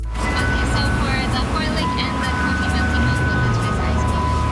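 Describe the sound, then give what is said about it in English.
An ice cream truck serving soft-serve cones in Richmond, British Columbia, in summer plays its jingle steadily as thin, sustained electronic tones over a low engine rumble, with voices murmuring in a busy outdoor setting. “An ice cream truck doling out cone after cone of soft serve.”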